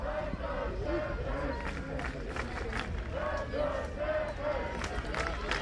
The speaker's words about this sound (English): Crowd trying to energize this Stanford team.